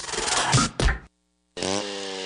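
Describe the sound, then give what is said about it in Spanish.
A chainsaw engine revs loudly, a harsh roaring burst cutting off abruptly, then after a short silence the motor kicks back in with a steady, buzzing whine, in a radio ad for Hyundai Maquinaria y Herramientas in Cintalapa, which sells chainsaws including a 20-inch Raptor model. “Por apertura, motosierra Raptor de 20 pulgadas a solo $1,000.”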